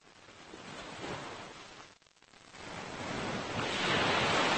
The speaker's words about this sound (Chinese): 对游泳者来说，海浪与礁石碰撞的地方是最危险的水域，而对加州海狮来说，这却是他们的自由王国。